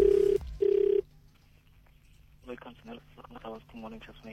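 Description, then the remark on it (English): Two loud ringback tones sound in quick succession, a steady double ring on an outgoing WhatsApp call to a random person. After a short quiet gap, a voice starts speaking. “This is where I phone up a random person, ask them ridiculous questions, all for the sake of South Africa, and we see what sort of answers we get.”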